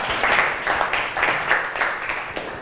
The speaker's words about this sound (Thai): แก้อาการหวัดได้เก่งมากปรบมือให้กับกลุ่ม3หน่อย